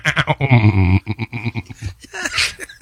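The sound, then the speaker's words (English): A person imitates a goat, letting out a long, loud, wavering bleat followed by several shorter, choppy bleats and a strained, higher cry near the end. “Save the goats. Save the goats.”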